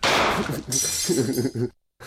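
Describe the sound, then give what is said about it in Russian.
A sharp burst of porcelain hare figurines breaking after a gunshot, with brittle clinks and shards scattering for over a second while a voice sounds over the clatter, then abrupt silence. “А что вы скажете насчет этих фарфоровых зайчиков?”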